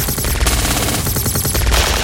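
Loud, sustained automatic gunfire: rapid overlapping shots fired in dense bursts for about two seconds, harsh and crackling across the whole range, with no voices.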